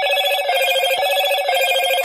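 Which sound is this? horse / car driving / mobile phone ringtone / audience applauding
mobile phone ringtone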